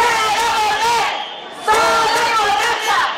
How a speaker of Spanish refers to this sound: siguen produciéndose protestas y concentraciones vecinales